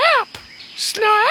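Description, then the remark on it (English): A human voice mimics a silly made-up bird call, presented as the call of the Australian rubber bird: two squeaky, high-pitched cries that swoop up and down, separated by a brief breathy pause, fairly loud. “This is the call of the Australian rubber bird.”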